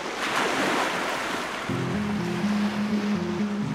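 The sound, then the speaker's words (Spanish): A steady wash of ocean surf rolls in loud, and midway a low sustained musical drone with shifting tones rises beneath the waves. “Soy océano y manglar.”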